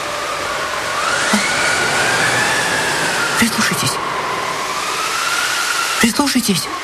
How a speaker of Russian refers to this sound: Прислушайтесь. Слышите? Ну что, ну? Ветер воет. Да нет. Как будто собака лает. Какая собака? Буря ревет.